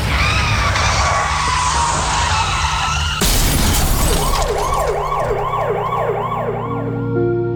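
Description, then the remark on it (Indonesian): Tires screech loudly for a few seconds before a sudden, sharp crash, then a wailing emergency siren rises and falls repeatedly amid steady traffic noise. No one speaks. “Duh, takut juga ya kalau sampai ketabrak.”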